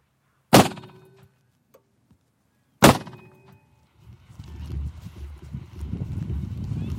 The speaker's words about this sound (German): Mit einem Gasschussapparat will er die Vögel vertreiben.